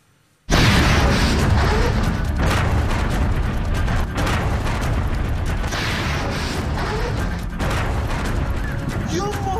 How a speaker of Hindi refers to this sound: America Iran के बीच बीते कुछ दिनों की शांति एक बार फिर धमाकों के शोर में भंग होती दिख रही है।